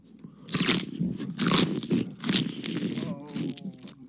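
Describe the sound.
Loud crunching as someone chews food, with sharp bursts of crisp bites repeating every second or so, mouth noises and faint voice-like murmuring between them.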